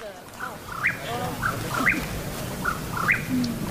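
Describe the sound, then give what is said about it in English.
A Mexican whip-poor-will calls at dusk in the San Bernardino National Forest, each short rising-and-falling phrase following quickly on the last in a steady rhythm, against a low rumbling outdoor background. “The teens are on the hunt for the Mexican whippoorwill. It's an elusive bird that comes out at dusk and dawn.”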